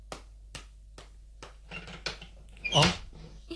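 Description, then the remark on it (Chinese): Four evenly spaced knocks on a door, then a short, squeaky creak as the door swings open, moderately loud, with no voices. “咦，边个敲门呢？ 等我开门睇下啫。”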